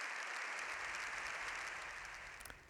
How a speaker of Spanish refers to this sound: León XIV ha salido del hemiciclo tras más de 7 minutos de aplausos y gritos de viva el Papa